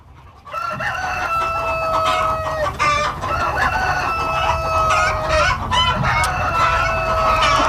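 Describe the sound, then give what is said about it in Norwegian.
A rooster crows loudly and repeatedly in long, drawn-out calls, with hens clucking in a busy barnyard chorus underneath, at a place past Stavn but before Tuppeskogen. No one speaks. “Jeg vil påpeke at du må legge merke til hanen her.”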